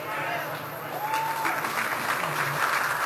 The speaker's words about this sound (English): Gold Star families in the audience to raise their hands, and Hegseth led the crowd in applause.